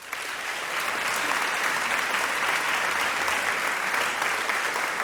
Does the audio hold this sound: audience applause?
yes